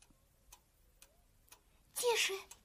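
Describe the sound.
Soft, steady ticking of an alarm clock in a basement, about two ticks per second, sounding muffled, until a short burst of a person's voice cuts in near the end.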